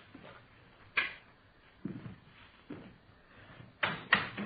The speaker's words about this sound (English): Go ahead, open the door. Go ahead.